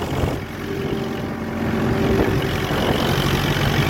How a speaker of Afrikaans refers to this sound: Hoor jylle daar. Hierdie man is op sy trekker. Hy het 'n video gemaak waar hy op sy trekker bezig is om te ploeg. Want die grond is nat, hulle moet ploeg, hulle moet plant, hulle moet lekker gaan. Hoor hom bietjie.